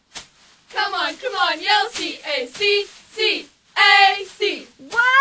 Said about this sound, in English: Ladies, let's hit us with a cheer for CAC. Come on, yell CAC, CAC.